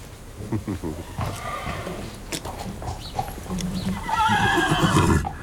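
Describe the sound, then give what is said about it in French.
A stallion whinnies loudly after a gust of wind brings him the scent of his daughter, a mare, a shrill, quavering call that swells toward the end, with hoof clops and faint voices in the background. “Alors là, les étalons, dans ce cas-là, ils ne sont pas toujours aimables.”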